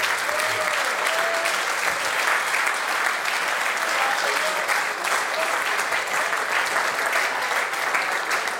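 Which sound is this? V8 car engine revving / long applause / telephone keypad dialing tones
long applause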